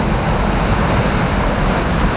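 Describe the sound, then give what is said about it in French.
A steady, loud wash of surf fills the scene, Indian Ocean waves rolling onto a beach in Madagascar in a continuous roar with no voices present. “quand vous entendez la plage, la mer, les vagues, on va où?”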